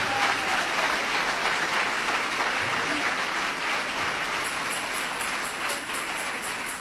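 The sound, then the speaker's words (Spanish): An audience applauds steadily in praise to the Lord, a dense wash of many hands clapping, sustained for several seconds with a faint rhythmic tapping emerging near the end. “Dele ese aplauso de alabanza y de victoria al Señor.”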